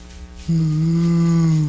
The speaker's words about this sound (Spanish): Ahí está la vaca. Óigame usted, doña vaca.